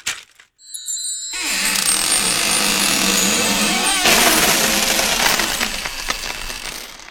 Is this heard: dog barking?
no